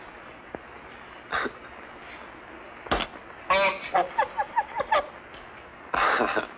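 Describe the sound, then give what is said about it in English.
A bird squawks and clucks in a burst of honking, goose-like calls, loud, with scattered single squawks before and a final harsh outburst at the end. “You better be quiet. Someone will come along and steal you.”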